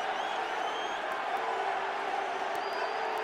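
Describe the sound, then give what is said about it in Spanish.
A stadium crowd of New York City supporters at Red Bull Arena shouts and cheers in a steady, continuous roar during the 88th minute of a match against Tigres, with New York City leading 2-1. A few faint high whistles rise above the dense wash of voices. “Y la porra de New York City ahora gritando y gritando.”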